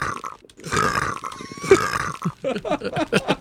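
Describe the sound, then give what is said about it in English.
A small, croaking burp or retch rumbles out from the throat over a second or so, then trails into a run of short, choppy throaty sounds and breaths. “Sorry, I did a little bit of sick.”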